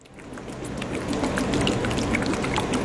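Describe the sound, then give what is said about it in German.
A lab shaker machine about the size of a desktop printer, with a square base and a fast-circling metal basket holding filled plastic tubes, swirls liquid at a university lab in Landau, Germany. It gives a steady sloshing and trickling sound like dribbling water, with scattered light ticks, continuous and without voices. “Was wie träufelndes Wasser klingt, ist das Geräusch eines Shakers, einer Schüttelmaschine von der Größe eines Tischdrückers.”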